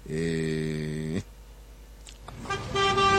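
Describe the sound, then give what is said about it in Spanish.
A loud, steady car horn blares for about a second, then after a brief lull a second higher-pitched horn starts honking, from drivers stuck in a traffic jam on city streets. “Justo cuando estás atascado en las calles dentro de tu auto”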